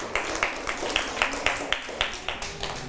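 A group of children clapping together in a steady, even rhythm, about ten claps in a row at moderate loudness, with soft room noise underneath.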